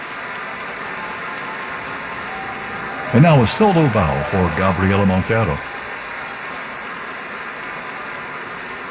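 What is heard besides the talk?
concert audience applause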